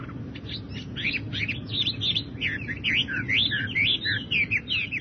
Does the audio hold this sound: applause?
no